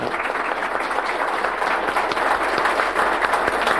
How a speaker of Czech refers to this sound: My ještě to podpoříme potleskem dalším.